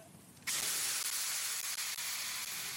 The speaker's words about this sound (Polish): Kiedy nadszedł czas, bierze szczypce. Podnosi żelazo. Na ułamek chwili zatrzymuje je w powietrzu. Potem zanurza w wodzie.